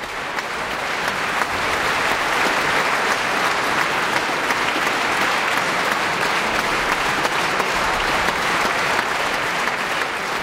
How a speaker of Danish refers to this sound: Ja, der bliver jublet her fra publikum i Filharmonien i Warszawa. Det kan jeg godt forstå.